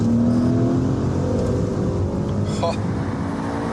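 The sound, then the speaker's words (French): The twin-turbocharged V8 engine of a Levante GTS SUV (530 horsepower, 730 Nm of torque) roars steadily and loudly throughout, a deep rumbling drone with a faintly rising whine early on and a brief higher-pitched chirp near the end. “Alors ici, on a la version GTS, on a un V8 dopé par deux turbos qui fait 530 chevaux pour 730 Nm de couple.”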